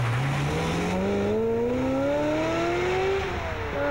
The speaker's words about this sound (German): Und dann kam ein Auto und hat ihn umgefahren. Und das Auto ist einfach weitergefahren.